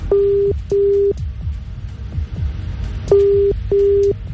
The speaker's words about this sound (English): Okay, it's ringing.